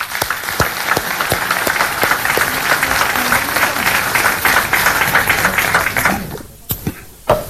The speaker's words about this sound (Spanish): A todas y a todos ustedes, muchísimas, muchísimas gracias por estar acá y un caluroso aplauso sincero, verdadero, para todas y todos ustedes.